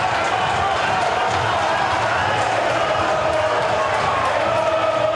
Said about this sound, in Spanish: Uno gritan y otro insultan. Parecieron de arriba para gritar más.